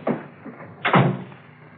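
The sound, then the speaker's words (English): A door opens with a short creaky clatter, and a softer bump follows before it swings shut with a loud, ringing thud that slowly fades. No voices are heard. “Is there a back door out?”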